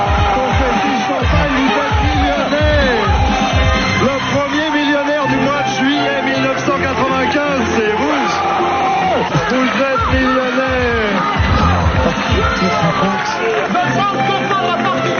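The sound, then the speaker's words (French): A TV studio audience of the 1990s game show Le Millionnaire erupts in loud, sustained cheering and excited shouting, many overlapping voices whooping and yelling with joy, dense and continuous throughout without a break. “Explosion de joie.”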